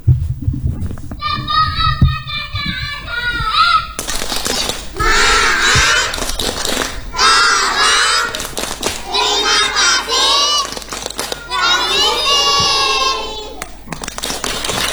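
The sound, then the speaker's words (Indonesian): Kindergarten children from TK Islam Sabilul Muksinin in Lawang District, Malang Regency, perform a clapping chant game about the four magic words, chanting in rhythm while clapping their hands, sharp claps punctuating the sing-song voices throughout, loud and lively. “Ya, selanjutnya kita akan dihibur dengan sebuah permainan tepuk.”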